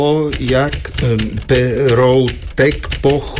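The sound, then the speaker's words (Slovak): Sharp clacks of typewriter keys strike in an irregular run, fairly loud, as a medical record is typed while a man talks steadily over the typing. “Píšte do zdravotnej karty.”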